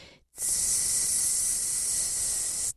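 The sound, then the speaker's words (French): A green and yellow whip snake gives one long, steady hiss from inside a dry stone wall, lasting over two seconds, a bright airy rush that starts and stops abruptly, with no other sounds around it. “J'ai eu la chance d'entendre un sifflement de serpent dans un mur de pierre sèche.”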